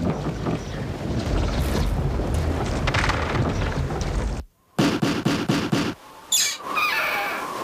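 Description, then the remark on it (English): A cruise ship in a tropical storm is tossed by a gigantic wave onto an unmarked reef: a loud, steady roar of wind and water breaks off abruptly, then a rapid run of heavy splintering impacts follows, ending in a high, wavering creak. “But eventually, the ship loses the battle as a gigantic wave tosses it up onto an unmarked reef.”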